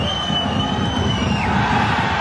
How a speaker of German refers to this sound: Die, die hier jubeln. Der FC Aarau, der grosse Partyquatscher, und zwar zu Vaduz.